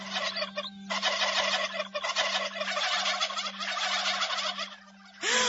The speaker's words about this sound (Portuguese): Apareceram um monte de peru! Aquelas árvores enormes fazendo esse barulho esquisito!